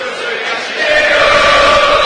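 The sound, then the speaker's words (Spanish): Belgrano fans at a football match against River shout in a dense, sustained roar that swells louder partway through, with a steady chanting tone running beneath the noise and no single voice standing out. “Grita la Belgrano,”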